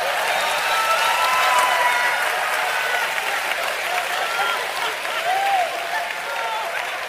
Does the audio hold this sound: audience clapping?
yes